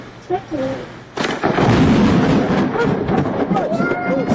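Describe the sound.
A loud thunder crack from a lightning strike during a thunderstorm, recorded on a Ring camera, bursts in after a quiet moment and rolls into a sustained, heavy rumble, with faint voices underneath.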